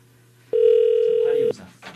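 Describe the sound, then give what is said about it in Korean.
A single steady electronic ringback tone sounds for about a second, loud and clear, as an outgoing call to a landline rings through the line, followed by faint background murmuring. “제발 받아주세요. 보이스피싱 아닙니다. 너무 귀한, 너무 중요한 전화예요.”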